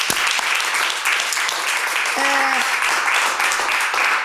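A crowd applauds steadily, a dense continuous wash of clapping that holds at an even, loud level throughout, with a brief whistle-like tone rising partway through.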